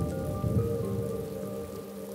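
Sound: heavy rain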